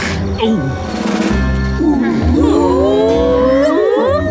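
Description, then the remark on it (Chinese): A pack of wild hunting dogs in the animated show Octonauts, calling as they prepare to hunt, gives an excited chorus of high, twittering calls that swoop up and down in pitch, many voices overlapping loudly over a steady low background. “我觉得他们不是在笑，这应该是他们准备捕猎的时候发出的声音。”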